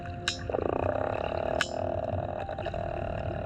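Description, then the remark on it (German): Sperm whale clicks recorded underwater: a couple of sharp, loud clicks and a rapid, evenly spaced train of softer clicks, set against a steady, low rumbling background. “Wenn man die langsamen Klicks hört unter Wasser, dann weiß man zum Beispiel, dass sie am Jagen sind.”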